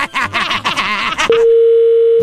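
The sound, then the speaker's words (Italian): A steady, unbroken telephone dial tone hums for about a second, clear, following a brief stretch of busy, voice-like sound that cuts off just before the tone begins, before a phone call to a car repair workshop. “Adesso faccio andare le telefonate, poi in cuffia ti diciamo quello che devi fare.”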